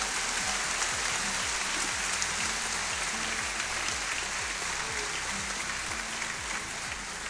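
A crowd claps steadily in sustained, dense applause for the people honored that day at a recognition ceremony in Pichincha province, staying at an even level throughout, a bright crackling wash of many hands with no voices on top.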